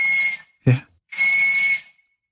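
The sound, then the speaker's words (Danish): A walrus on land whistling: two long, steady, shrill whistles, loud, separated by a brief low, breathy burst. No one speaks. “Det er en valros.”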